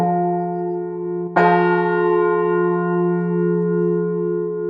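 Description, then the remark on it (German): A church bell with the aspects of a modern bell rings out with a fresh strike about a second in, its rich triad of chord-like overtones humming together and sustaining steadily as the tone lingers, clear with no voices. “einer modernen Glocke hören, weil die hat eigentlich alle Aspekte auch einer modernen Glocke.”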